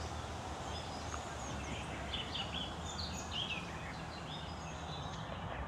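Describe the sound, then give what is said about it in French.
Two birds chirp in short, scattered high-pitched bursts over a steady wash of outdoor background noise; no one speaks. “Écoute, qu'est-ce qu'on entend? T'es quoi? Oiseau. Il y en a combien? Deux.”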